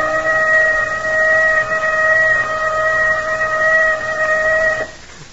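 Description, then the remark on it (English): A loud warning whistle blows one long, steady note at a constant pitch for nearly five seconds, then cuts off abruptly, leaving faint background noise. “There's that whistle.”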